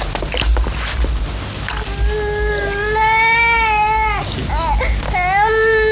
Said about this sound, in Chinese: 孩子哭声大，将来做官也大。